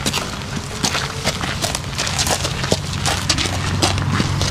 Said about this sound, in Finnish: Nämä askeleen äänet kuuluvat lämminveri ruunalle nimeltään Paavo. Nyt nimittäin tutustutaan aivan uudenlaiseen hevosen avulla toteutettavaan kuntoutusmuotoon, raviterapiaan.